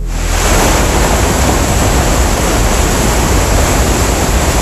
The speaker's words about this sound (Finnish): Palataan vielä hetkeksi Tammerkosken kohinan pariin.